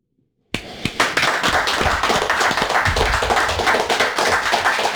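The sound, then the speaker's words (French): After a brief silence, loud hand clapping starts abruptly and continues steadily, with sharp slaps and dull low thumps as the clapping hands hit the microphone. “J'applaudis. J'applaudis, j'en tape mon micro.”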